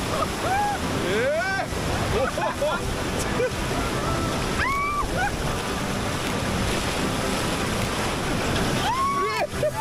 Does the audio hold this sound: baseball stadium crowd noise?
no